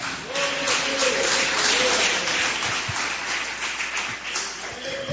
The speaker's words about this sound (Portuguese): Pode sentar, palmas que glorifica a Deus. Exalta o nome do Senhor. Aleluias.